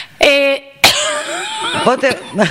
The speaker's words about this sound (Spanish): No ha cedido la tos. He probado con todo. He probado con el jarabe. He probado con los caramelitos.